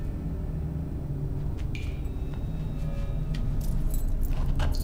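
Keys jangle in several short metallic bursts over a steady low engine rumble, as if being passed from hand to hand.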